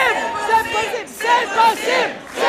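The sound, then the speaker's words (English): A large crowd at a political party rally chants the slogan "C'est possible" in unison, started by party leader Ruba, voices rising and falling in a steady repeated rhythm, loud with many overlapping voices. “Ruba doesn't want this to be all about her, so she starts another chant. C'est possible. C'est possible.”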